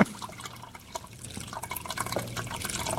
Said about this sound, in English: Okay, go ahead. Pour the rest of it in there.